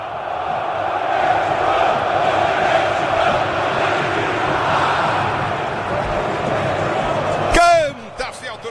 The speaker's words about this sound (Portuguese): Canta, fiel torcida, sinta o clima.